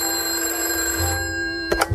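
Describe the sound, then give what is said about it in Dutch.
An old-style telephone bell rings in an office with a steady, bright metallic trill, heard on its own with no talking; near the end a couple of sharp clunks break in, like the handset being lifted. “Hij stapte zijn kantoor binnen toen de telefoon ging.”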